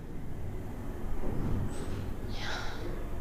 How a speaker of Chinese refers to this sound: 你是打呼了？你就是打呼噜了。